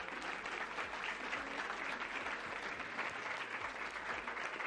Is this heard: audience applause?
yes